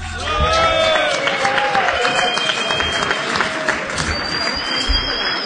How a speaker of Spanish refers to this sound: Pido fuerte el aplauso para la leyenda del canto cordobés